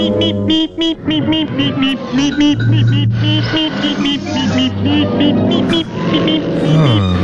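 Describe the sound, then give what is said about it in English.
A cartoon soundtrack with a quick, horn-like "meep meep" call sounding in short tonal bursts, mixed with busy music and engine-like vehicle noise, all loud and continuous. “Which makes sense because as he's saying, get out of my way, beep beep, it's a horn.”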